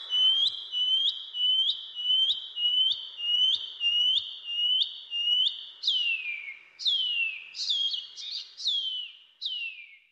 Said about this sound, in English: The PP Wharauroa. The Shining Cuckoo.